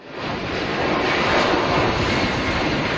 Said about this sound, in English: That's the sound of their plane taking off from the Canary Islands. It's heading for Bagotville, Quebec, where passengers will be put on a second plane bound for British Columbia.